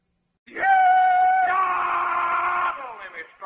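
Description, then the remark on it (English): A single loud, drawn-out rebel yell from one voice, about three seconds long, jumping in pitch partway through and trailing off at the end, done to kick off the Stan Freberg show. The cry stands alone with no other talk. “I'm just doing the rebel yell here to kind of kick the Stan Freeberg show off.”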